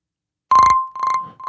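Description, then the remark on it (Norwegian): A telephone rings with a fast electronic trill, an incoming call to the radio show Radio Bingoen, two bursts of ringing clear against silence, a steady pitched tone running through both. “Telefon på vei inn her.”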